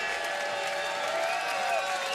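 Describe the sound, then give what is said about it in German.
A concert crowd at the Bunte Stadtfest in Wiener Neustadt shouts and cheers for an encore, a dense, steady roar of many voices with a few higher shouts standing out, holding at an even level throughout. “Wir haben drei Leute schreien gehört.”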